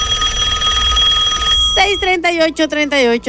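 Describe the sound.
A telephone rings with a steady, bright electronic trill for about a second and a half, then stops as a voice begins talking loudly.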